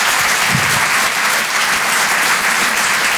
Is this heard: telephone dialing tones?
no